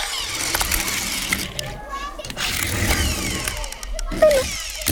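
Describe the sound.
A small toy car engine revs and whirs steadily for several seconds, moderately loud, with voices murmuring underneath.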